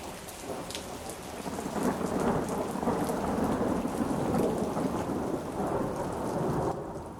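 A thunderstorm with steady, heavy rain hissing throughout and a low, rolling rumble of thunder swelling through the middle, continuous, with no voices.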